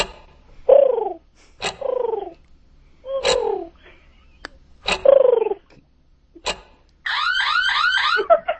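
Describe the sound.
A person imitates a pigeon's cooing as a five-second talent, with several low, throaty, falling coos in a steady series separated by sharp clicks, ending in a quicker warbling run. Fairly loud, with no talking.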